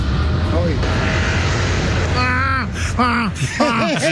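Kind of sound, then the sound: vehicle, airplane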